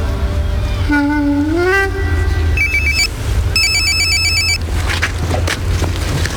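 A phone rings with an electronic melodic ringtone, rising tones followed by bursts of high repeating beeps, playing fairly loudly over a steady low rumbling background.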